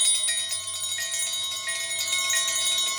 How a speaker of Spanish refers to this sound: Parece que hay muchas campanas y así. Hay campanas con campanas adentro.